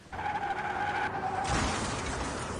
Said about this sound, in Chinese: 是吧？大哥，我们这车雨天打滑，才发现是水，想刹车已经来不及了。